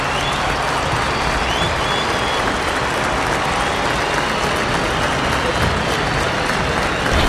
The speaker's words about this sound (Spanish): Los aplausos para nuestra selección que saluda a su gente.